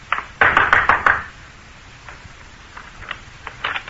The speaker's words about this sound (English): I walked boldly to the rear door and knocked.